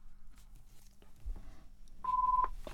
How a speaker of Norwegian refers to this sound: Da ringer det.